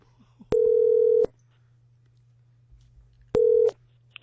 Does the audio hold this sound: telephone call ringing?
yes